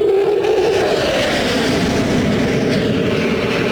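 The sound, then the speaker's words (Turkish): A Solo Türk aerobatic plane, passing by after a turn in an air show display, roars past in a loud, steady engine drone with a gritty low rumble and a humming midrange tone, holding constant for a few seconds with no voices. “Ve döndü, dönüşünü yaptı ve yanımızdan şimdi geçecek.”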